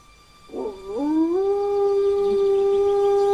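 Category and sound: animal, wolf howling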